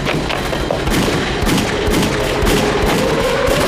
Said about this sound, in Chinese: 你看，枪炮声越来越近了，万一小鬼子要来了，我得保护小姐。